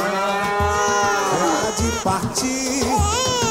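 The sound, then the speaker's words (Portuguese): A calf moos loudly inside a metro train, a long, drawn-out bawl that wavers in pitch and breaks into a few shorter bellows, with no talking. “Lá é o bezerro que não perde o metrô, né?”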